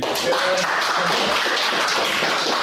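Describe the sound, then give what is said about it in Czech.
A steady burst of applause from journalists at a press conference, greeting coach Luboš Kozel and scorer Jan Chramosta after their team advanced in the Conference League on penalties. Dense overlapping claps form a continuous wash of sound that holds its loudness throughout, with no voices standing out. “No a on i kouč si tak po příchodu na tiskovou konferenci užívali potlesk od přítomných novinářů.”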